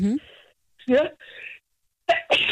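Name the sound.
sneeze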